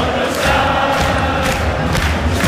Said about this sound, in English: But this is what it sounded like at Fenway Park yesterday. And this is in the concourse. The thousands of Scottish football fans. And it went into the crowd as well. Like, it went into the game.